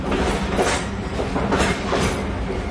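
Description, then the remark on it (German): A train rattles steadily along the tracks at night, heading north from Rome with Benito Mussolini's presidential carriage attached, a dense continuous rumble with periodic clickety-clack surges from the wheels passing rail joints, fairly loud with no voices. “Ein Zug rattert in der Dunkelheit von Rom Richtung Norden.”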